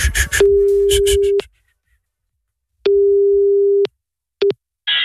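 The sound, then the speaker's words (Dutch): A steady, low-pitched telephone line tone sounds in long one-second beeps separated by pauses while a phone call is being placed, the first overlapped by clattering noise, followed by a quick short blip and a burst of hiss. “We gaan Paul bellen.”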